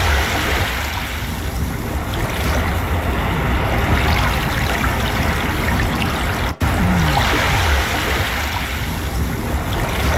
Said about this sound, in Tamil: கடல் அலை சத்தம், இது எப்போதுமே நமக்கு ஒரு பெரிய மன நிறைவை மன அமைதியை கொடுக்கும்.